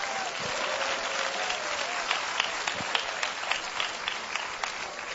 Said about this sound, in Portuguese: Santo, santo é o nome do Senhor Jesus. Mais palmas para o Senhor Jesus.